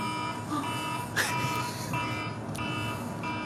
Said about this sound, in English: It's an alarm. Just a bit of an alarm going off. I reckon that was a little bit late in the North Melbourne coach's box, that alarm. It should have been much earlier.